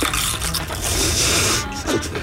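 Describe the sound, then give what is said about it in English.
Loud crunching as people taste and chew Pringles Mexican street corn chips, a dense, continuous stretch of crisp, crackly bites and mouth noise with no talking over it. “Oh, you were hearing us taste the Pringles Mexican street corn chips.”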